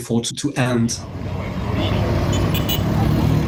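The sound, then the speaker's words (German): A brief voice at the start gives way to a steady wash of street traffic in the streets of the provincial capital Bunia, with cars and motor vehicles rumbling past and a faint horn-like tone in the background. “Auf den Straßen der Provinzhauptstadt Bunia sind viele Menschen verunsichert.”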